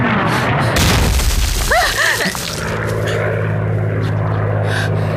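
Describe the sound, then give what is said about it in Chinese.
Loud, rumbling explosions of Japanese artillery shelling burst and roll for a couple of seconds, with brief shouting voices, then the steady droning engine of Japanese warplanes hums on overhead, a constant low whine filling the rest. “司令，鬼子的飞机大炮太可恶了，怎么办啊？”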